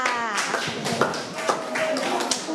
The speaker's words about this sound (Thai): ปรบมือให้เพื่อนนะคะที่เพื่อนๆมีความกล้าแสดงออกนะลูก